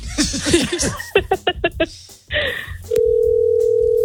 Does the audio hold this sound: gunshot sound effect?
no